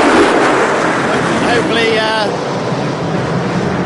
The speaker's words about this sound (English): That was the secondary flyover.